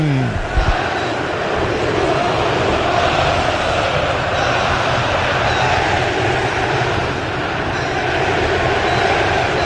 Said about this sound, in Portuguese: É o futebol Band News FM, é futebol do jeito que a galera gosta, como se você estivesse à beira do gramado. Torcedor do Brasil, ouça o som do Mineirão.